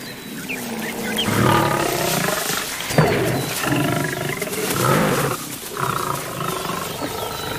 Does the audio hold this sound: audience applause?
no